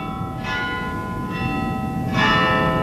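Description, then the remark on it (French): Several church bells ring together in overlapping, resonant strikes, like a small carillon, with three brighter peals rising over a sustained humming wash of tones. No voices are heard. “Il y a plusieurs cloches. Plusieurs cloches, c'est un petit carillon.”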